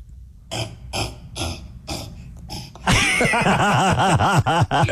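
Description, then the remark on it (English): A person imitates a cassowary call: a series of about five deep, guttural, burp-like rumbling bursts, then a louder, sustained warbling vocal sound that wavers rapidly up and down in pitch. “I'm curious, before we let you go, can you do a cassowary? Do they make a noise?”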